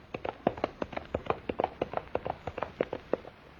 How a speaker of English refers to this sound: Whoa. Come back here. Look, he's dashing right into the flames. The horse. He's going right into the burning castle.